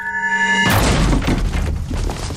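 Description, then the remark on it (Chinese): A steady humming tone cuts off as a loud crash bursts in, followed by two seconds of heavy splintering and clattering as the door of a dental clinic run by a foreign doctor is smashed open. No voices. “给我砸门！”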